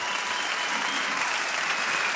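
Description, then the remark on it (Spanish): Steady, dense applause from a crowd for the band, a continuous wash of many hands clapping at an even loudness throughout, with no voices rising above it. “Fuerte aplauso a la banda acá, muy bien.”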